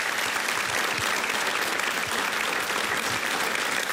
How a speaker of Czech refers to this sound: Takhle vám tleská nabité hlediště.